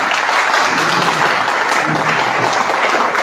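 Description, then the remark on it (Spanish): Steady applause from an audience clapping for the candidates, a dense wash of many hands clapping at once, loud and sustained without pause and with no voices standing out. “A ver, a todo el público presente, un aplauso para los señores candidatos.”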